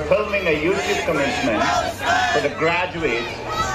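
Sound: protesting students shouting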